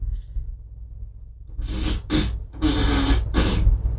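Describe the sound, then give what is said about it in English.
After a brief hush, a fart sound effect plays from an Alexa smart speaker on request: a long, raspy, sputtering blast broken into several noisy bursts over a low rumble, fairly loud, with no talking. “Alexa, ask for a fart.”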